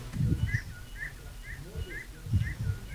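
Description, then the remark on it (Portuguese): Birds sing in the background of a sent audio message, a steady series of short repeated chirps roughly twice a second, with muffled low voices and rumble underneath. “E ao fundo os pássaros lá na sinfonia.”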